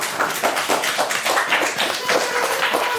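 Steady applause from a handful of people, a dense patter of claps at an even loudness that runs for the whole three seconds, with no one talking over it.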